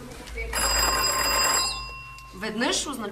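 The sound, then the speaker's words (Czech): A loud, sustained ringing of a mine signal bell, used for signalling between the shaft bottom and the surface, lasts about a second, then decays. A voice starts speaking just afterward. “Protože ještě neexistoval telefon, byla v dole zvonková signalizace mezi dnem šachty a povrchem, kam se nejdřív ručně a později koňmo dopravovali vozíky s uhlím.”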